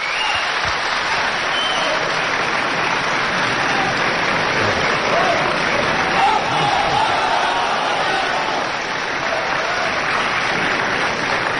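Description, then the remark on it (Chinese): A large audience applauds and cheers without pause as Ma Zhiming returns to the stage for an encore at his 50th-anniversary crosstalk performance in December 2007, a dense, steady wash of clapping that stays loud from start to finish, with scattered shouts mixed into the roar. “当然这个正活之后呢，观众依然是非常的热情，马志明先生照例登台返场的作品，咱们来连续收听。”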